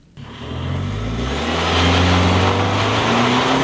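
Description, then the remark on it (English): A side-by-side's engine roars to life and revs up in Center Creek Canyon, Daniel, Utah, its pitch climbing steadily, loud, with a gritty spray of gravel hissing from beneath the tires. No one speaks. “The engine of our side-by-side roars to life, gravel spraying from beneath the tires.”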